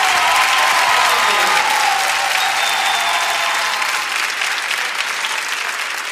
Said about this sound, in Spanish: Fuerte aplauso para Gayana